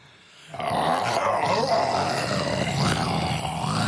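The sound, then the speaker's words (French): A person roars like a lion, a loud, sustained growling voice filling most of the few seconds after a brief quiet start. “C'est un peu le lion, ça.”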